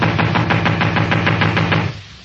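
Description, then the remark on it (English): A rapid, steady run of about a dozen knuckle knocks on a wooden door, fairly loud, ending abruptly after a couple of seconds with no voices. “I'm wearing out my knuckles on this door. Well, try the bell.”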